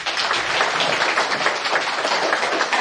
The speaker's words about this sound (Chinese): 掌声有请朱一章教授登台。